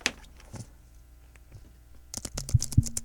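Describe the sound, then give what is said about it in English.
Typing on a computer keyboard: a few scattered key clicks, then a quick burst of rapid keystrokes with a couple of heavier thumps, fairly quiet, with no talking. “Can they hear me typing?”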